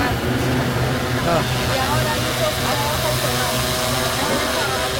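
Yellow food delivery drones carrying fast food drone and whir overhead in a big city in China, a steady loud buzzing hum with layered tonal whines that rise and fall slightly in pitch as the rotors shift speed, over constant background noise.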